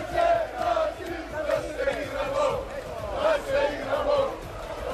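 A large crowd of football fans chants in unison as more and more fans come out after a match their team won on penalties against Brazil, rhythmic and loud, with a repeating sung melody rising and falling over a dense roar of many voices.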